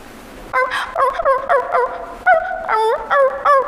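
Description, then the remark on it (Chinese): A teacher's voice imitates a puppy for the students with a quick series of about seven short, high, whiny yips, their pitch sliding up and down, fairly loud with no other talk. “那老师也给大家模仿一点哈，也是小狗狗，听情绪啊。”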